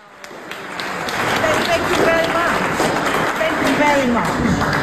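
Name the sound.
audience applause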